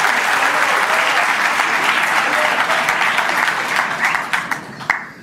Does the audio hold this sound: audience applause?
yes